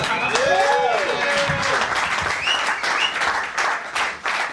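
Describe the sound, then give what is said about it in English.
An audience breaks into steady, dense applause after a comedian's set, a continuous crackle of many hands clapping at once, with a few whoops and cheering voices rising over it early on. “Round of applause.”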